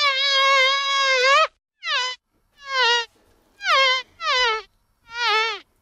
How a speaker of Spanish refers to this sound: No se nos ha colado una mosca en el estudio, aunque pareciera.